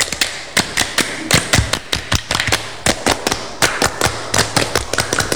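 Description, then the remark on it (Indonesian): Pupils of SDN Kresek 01 perform the Indonesian scout clap (tepuk pramuka), clapping out a quick rhythmic pattern with sharp, loud claps grouped in short bursts and brief pauses between them. No one speaks. “Sekali lagi, dua kali tepuk pramuka.”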